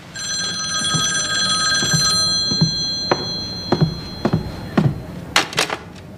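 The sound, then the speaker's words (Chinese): A telephone rings with a bright, steady bell tone for about two and a half seconds, then falls silent, followed by a string of sharp clicks and light knocks, with no talking. “稍等一下，我先去接个电话。”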